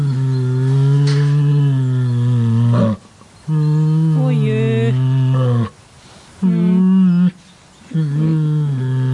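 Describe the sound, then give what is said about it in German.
An Asian black bear at the Neunkirchen Zoo hums and growls in four deep, droning, tonal bursts, the first and longest lasting about three seconds, with short pauses between. A brief human exclamation is heard. “Ja, das war ein Kragenbär und der summt und brummt so ganz gemütlich vor sich hin.”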